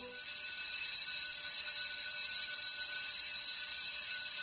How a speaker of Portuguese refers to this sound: A diretora foi até o sino da escola e bateu.